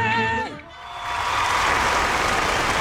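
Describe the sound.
A sustained singing voice trails off with a falling pitch, then a loud, dense burst of clapping swells up and continues steadily as an audience applauds.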